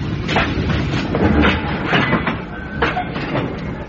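A train rolls steadily along the rails, its wheels giving a repeated clickety-clack over a constant loud rumble, with no voices.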